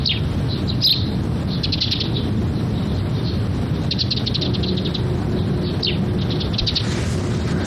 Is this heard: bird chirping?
yes